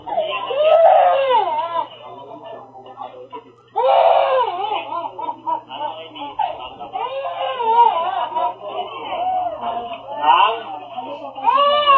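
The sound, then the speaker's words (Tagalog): A child cries and wails loudly in sobbing bursts that rise and fall for several seconds, sounding slightly muffled as if played back through a speaker. “Nagahilak ng bata di ay.”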